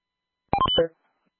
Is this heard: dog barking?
no